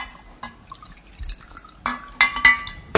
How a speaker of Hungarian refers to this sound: És fontos, hogy a kukorica keményítőt hideg vízzel keverjük el. Így fog nagyon jól elkeveredni, 3 evőkanál kell hozzá, és 1 deci hideg víz.